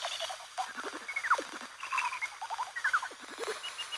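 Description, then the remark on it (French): Lesser horseshoe bat echolocation calls, converted from ultrasound into audible sound: a busy run of squeaky, warbling chirps and quick downward-sweeping twitters, irregular and bird-like, at moderate loudness with no voices. “Là, alors, mon préféré, ça va être quand même le petit rhinolophe.”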